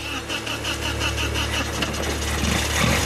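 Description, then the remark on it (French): A car engine in a workshop, started after the oil pressure is built up, runs in a steady, rumbling idle, its low throb holding even and fairly loud throughout with no other sounds on top. “Et voilà. Le moteur parle.”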